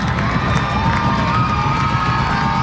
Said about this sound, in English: Crowd getting loud after the mound meeting.